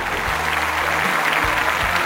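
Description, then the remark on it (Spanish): A steady wash of applause in the studio booth of Radio Disney Puebla 92.9, welcoming a musician guest, dense and continuous with no pauses, with a low hum underneath and no voices cutting through. “Y hoy lo tenemos aquí en la cabina. Un fuerte aplauso, por favor.”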